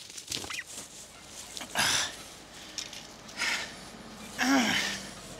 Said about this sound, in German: Im niedersächsischen Köhlau ist das Zurücktreiben der Pute mühselig. Sie will immer durch den Zaun.